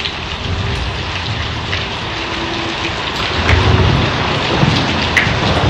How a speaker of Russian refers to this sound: Был очень жаркий день, но после обеда небо вдруг затянулось темными тучами. Сверкнула молния, грянул гром, и освежающий дождь пролился на землю.